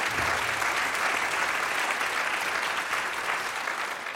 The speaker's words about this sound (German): Auch noch ein Applaus für ihn. Ja, Applaus, Applaus, Applaus.